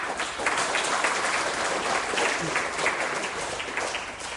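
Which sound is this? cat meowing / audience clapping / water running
audience clapping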